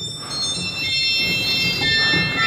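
Shrill, sour-sounding, out-of-tune pipe organ registers in a church hold a steady chord of piercing high tones for the whole stretch, with a low rumbling murmur underneath and no one speaking.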